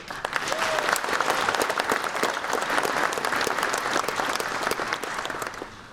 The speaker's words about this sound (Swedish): Till er skulle jag vilja säga ett speciellt välkomna och vi ska se till att ni inte bara får en fantastisk upplevelse här i Umeå utan också en rejäl applåd här och nu.